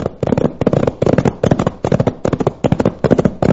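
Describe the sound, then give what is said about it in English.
A rapid, uneven barrage of loud gunshots, sharp cracks tumbling over one another in dense clusters for several seconds, with no voices. “Those shots came from just ahead of us.”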